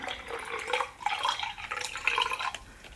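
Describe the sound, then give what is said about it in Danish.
Juice pours from a bottle into a glass, a steady trickle and gurgling splash that runs unbroken for about three seconds with no one talking. “Og nu hælder jeg forbi.”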